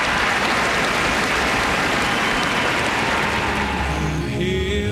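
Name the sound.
concert hall audience applause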